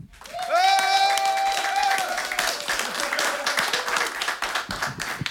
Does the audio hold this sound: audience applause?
yes